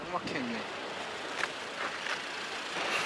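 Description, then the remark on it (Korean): Steady outdoor hum of vehicles idling in stalled traffic lined up on both sides of a narrow road under widening construction, held up by large cargo trucks on the way to Kalaikhum. A low continuous engine drone with faint voices briefly murmuring. “아, 지금 길 양쪽이 또 다 막혀서 저희 앞뒤로 차들이 쭉 늘어서 있습니다.”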